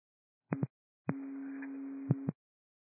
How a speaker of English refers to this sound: Clear Lake Fire, these are cancellation tones. Clear Lake Fire, cancellation tones.